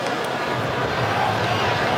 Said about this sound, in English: Almost on cue. By the way, the groans you just heard from the crowd here in Seattle is because of the update on the big screen.